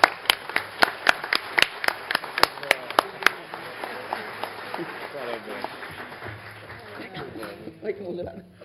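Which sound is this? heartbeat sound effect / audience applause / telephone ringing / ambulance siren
audience applause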